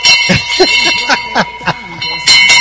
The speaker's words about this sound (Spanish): Que no digan que no hay campana en Bendita Felicidad. Esa es la de los Dolores. Y sí que hay.